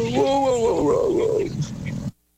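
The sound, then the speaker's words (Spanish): A man's voice imitates a lazy sloth bear with a slow, drawn-out, groaning growl lasting about two seconds, fairly loud, then cutting off abruptly into silence. “Sí, fue su mejor imitación. Del oso Flojencio.”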